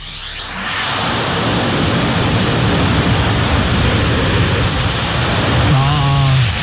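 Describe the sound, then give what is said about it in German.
A vacuum cleaner roars steadily as it sucks up confetti, a dense, hissing whoosh that swells in at the start and holds constant, with a faint low hum near the end and no clattering. “Wir wollen jetzt von euch wissen, was wird hier gerade von unserem Staubsauger eingesaugt?”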